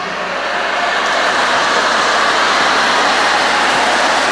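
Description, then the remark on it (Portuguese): A crowd applauds steadily for about four seconds, a dense, loud wash of clapping that holds at an even level from start to finish with no voices over it. “Ah, não entendi esse aplauso.”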